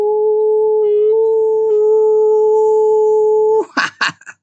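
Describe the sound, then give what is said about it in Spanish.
A person imitates a howl, holding one long, loud, steady voiced note for several seconds before it breaks off into a few short, breathy bursts. “Aullido para el amor.”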